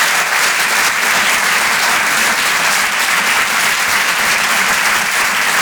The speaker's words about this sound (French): Merci beaucoup. On peut l'applaudir lui aussi très très fort, s'il vous plaît.